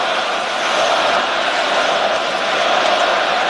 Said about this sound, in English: You hear the echo of the great fans here in Montreal at the Bell Center.